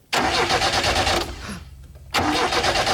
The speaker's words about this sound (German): es war Gott sei Dank nicht mein Auto, sondern nur ein Auto, das da gerade nicht angesprungen ist.